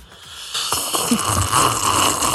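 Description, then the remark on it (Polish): A loud, drawn-out slurp of tea for International Tea Day, in a contest of who can slurp loudest, lasting about two seconds, a hissy, airy suck of breath over liquid with a low gurgling undertone. No one speaks. “Robimy konkurs, kto najgłośniej potrafi siorbać.”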